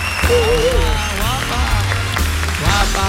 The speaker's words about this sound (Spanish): Y otro gran aplauso